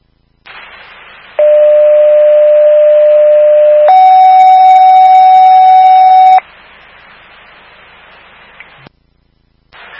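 Two loud, steady electronic tones play back to back, a lower one for about two and a half seconds, then a higher one, as a fire dispatch alert for Station 25 about a cooking incident that set off a smoke alarm, over a faint radio hiss.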